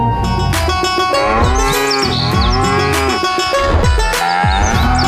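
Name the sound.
nandan yellow cattle mooing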